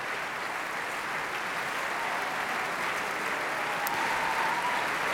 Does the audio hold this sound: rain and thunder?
no